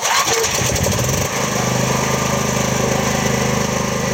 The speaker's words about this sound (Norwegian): sjekker at generatoren utenfor huset hans virker som den skal. Han forteller at strømmen kommer og går, og at det ikke er noe mønster i utkoblingene. Hvis vi kommer hjem om kvelden og det ikke er strøm, da starter vi generatoren.